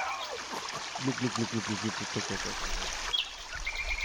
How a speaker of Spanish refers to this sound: El agua cae, el agua. Agua fresquita con el calor ya que va llegando. De la falda de Santa Lucía cae el agua.